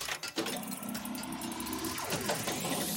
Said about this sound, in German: Bei dir rumpelt's aber auch ordentlich. Ja, ich bin gerade im Auto mit meinen Kindern.